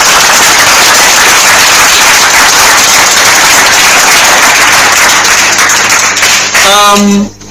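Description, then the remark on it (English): A loud, sustained round of applause from a group for quiz participants at a school, dense steady clapping for about six seconds before fading out as a voice begins speaking at the very end. “A round of applause for them, please.”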